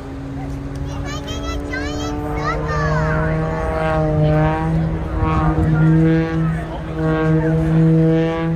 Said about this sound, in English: when the airplane is tumbling end over end, the propeller makes that very distinctive sound